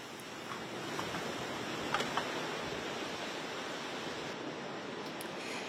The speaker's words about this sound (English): Earlier, huge waves crashed along the beaches of the Florida Panhandle in Alabama.